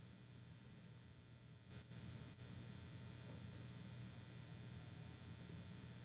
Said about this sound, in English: I know it's pretty silent here, but just become aware. It's probably the air conditioner buzzing.